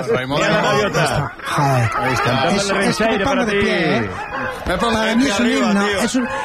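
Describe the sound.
A person imitates seagull calls, loud, with a run of squawking, sliding cries that rise and fall in quick succession and blend into laughing, chortling sounds.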